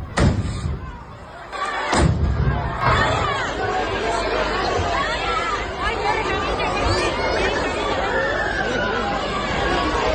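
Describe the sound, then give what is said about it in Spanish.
Two sharp, loud detonations ring out in the middle of the square at the chupinazo in Noain in the first two seconds, followed by a dense, agitated crowd with shouting and screams that carries on steadily to the end. “Bueno, pues como escuchamos, esas detonaciones en mitad de la plaza, esos gritos y esas preocupaciones que escuchábamos por esas personas que se encontraban ahora mismo en ese momento en Noain.”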